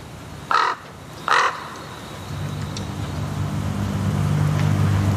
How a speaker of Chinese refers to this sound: 现在这里有两只乌鸦，我觉得他们可能是这片领地的主人。